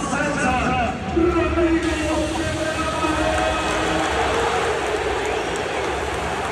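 A huge crowd at Barcelona's Camp Nou applauds its new midfielder without letup, a dense, steady roar of clapping with cheering voices woven through it, holding loud and even for several seconds.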